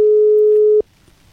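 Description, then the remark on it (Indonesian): A steady electronic telephone ringback tone, heard while a call to someone is still not connected, holds one pure pitch for most of a second, then cuts off abruptly, leaving faint background noise. “Masih berdering.”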